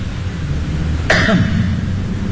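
A single short cough with a raspy throat-clearing edge breaks through a steady low background hum, moderately loud, with no talking around it.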